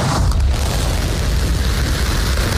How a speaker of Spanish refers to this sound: Y escuchamos el despegue de la nave Starship de SpaceX, la cual ha amerizado con éxito. Lo ha hecho en el Océano Índico después de su 13º vuelo de prueba.